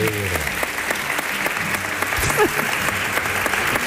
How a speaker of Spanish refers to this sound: Un aplauso para Pepe Zapata.